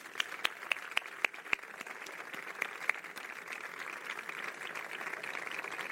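A crowd applauds with dense, steady clapping, a few sharper individual claps standing out at the start before the sound settles into a sustained, even wash of applause.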